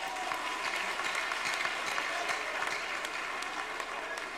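Sustained audience applause, a dense steady clatter of many hands clapping at an even, fairly loud level throughout, with no voices standing out above it.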